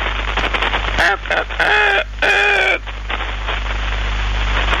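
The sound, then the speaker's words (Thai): Two sustained, harmonic calls of chickens crowing ring out over a steady hiss of background noise, with fainter bird calls, including crows, scattered around them. “ฟังเสียงนกเสียงกาเสียงไก่ร้อง”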